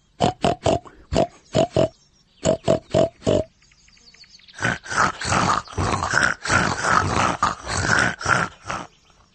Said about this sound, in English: Grunt like a pig in a sty.